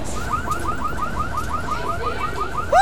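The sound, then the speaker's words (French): A car alarm wails in a fast, repeating rising chirp pattern, loud and steady against background street noise, then shifts to a new tone at the end. “Cette alarme de voiture lui fait mal à la tête.”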